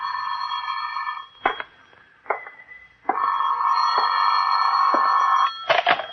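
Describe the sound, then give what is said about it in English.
A telephone rings loudly in an office in long, steady rings separated by short pauses, with a few sharp clicks between them and no voices. “Phone's ringing, Johnny.”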